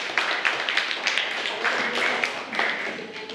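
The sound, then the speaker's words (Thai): A class of children clapping their hands together for student number 5 in a steady, dense patter of applause lasting a few seconds, with sharp bright claps overlapping throughout. “ค่ะปรบมือให้กับเลขที่5ด้วยค่ะ”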